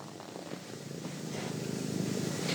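A small cat called Katti-Matti, found in the Lohja area, purrs steadily, a soft continuous rumbling drone that grows slightly louder over a few seconds, with no talking.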